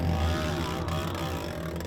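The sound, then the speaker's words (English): A dirt bike engine buzzes loudly and continuously with a raw, raspy, unmuffled tone, its pitch wavering slightly as it revs for about two seconds, racing below Dark Canyon, apparently with its exhaust ripped off. No one speaks. “I'm just here above Dark Canyon and I can hear one of the bikes sounds really funny. It looks like somebody's maybe ripped an exhaust off or something like that.”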